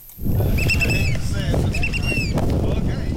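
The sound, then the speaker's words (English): Loud, steady wind roars and buffets the microphone over the low churn of a boat lurching on choppy water in Lynn Canal, Alaska, carrying volunteers to a lighthouse island, with high seabird calls chirping repeatedly above the rush. “The wind is whipping, and the boat lurches in the waves.”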